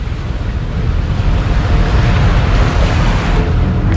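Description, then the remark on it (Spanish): A ship heads out onto the open sea for four days, with a steady, dense rush of waves, hull wash and wind noise filling the whole recording at a loud level, no voices. “Mientras Torben y su equipo instalan los laboratorios, el barco se hace a alta mar durante 4 días.”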